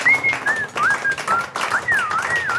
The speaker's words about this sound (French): Quelqu'un a répondu? Elle siffle. Elle siffle. Oh, bravo, madame.